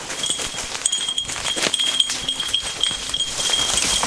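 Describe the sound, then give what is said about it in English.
The small bell on Wheeler the dog jingles, slowing as he lowers his head to sniff something intensely, snorting and snuffling in short, breathy bursts that repeat unevenly over the ringing. “Wheeler's little bell slows down. He lowers his head to sniff something, snorting a little bit.”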